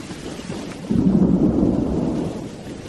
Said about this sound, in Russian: «Льет, как из ведра», — закричал Арнольд, стараясь перекричать шум ливня и громовые раскаты.